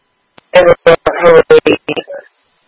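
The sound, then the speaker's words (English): A rapid series of about eight short electronic phone beeps, loud, tapped out in a quick uneven rhythm over roughly two seconds, with no talking. “Okay, this is my phone again.”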